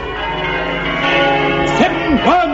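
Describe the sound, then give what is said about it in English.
Church bells ring together in a dense, loud, continuous clangor with overlapping tones, while a voice briefly calls out over them toward the end. “Ooh, when the Dean sees this, he'll never dare touch a bell again.”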